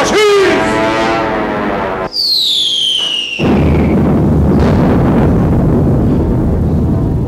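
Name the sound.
bomb explosion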